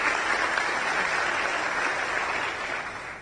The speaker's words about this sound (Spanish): Muchas gracias. Están presentes acá y realmente un aplauso. Pero son ellos realmente que hicieron posible.